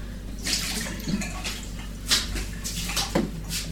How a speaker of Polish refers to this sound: Dobrze, teraz drugi raz będę płukać. Już mamy drugi raz wypłukany. Jeszcze raz na wszelki wypadek, żeby nic tam na pewno nie zostało.